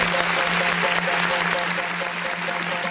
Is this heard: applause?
yes